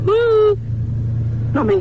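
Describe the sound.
A steady, low car engine rumble heard from inside the vehicle, droning continuously while a voice speaks briefly at the start and again near the end.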